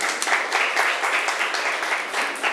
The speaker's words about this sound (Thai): ถูกต้องค่ะเก่งมากปรบมือให้เพื่อนหน่อยค่ะ